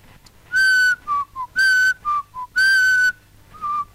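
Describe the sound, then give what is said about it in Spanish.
Someone softly whistles a short, casual tune: long sustained notes alternating with quick lower ones, clear, with no talking around it. “casi como silbando bajito.”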